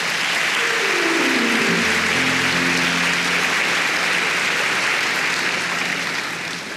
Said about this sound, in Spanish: Amén. Amén. Dele palmas al Señor.